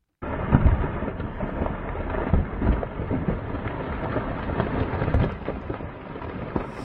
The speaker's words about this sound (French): Et ce son ressemble à du tonnerre. Eh bien, c'est pourtant le bruit d'un éboulement dévastateur enregistré le 11 août dernier dans le couloir du Goûter.